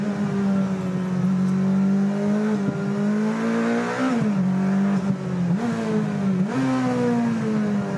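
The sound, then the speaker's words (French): A powerful car's engine drones loudly and steadily as it is driven through corners, its pitch sagging and then climbing again several times as it revs through shifts. No voices. “Je me demande comment il faisait pour freiner tard avec ce genre d'auto.”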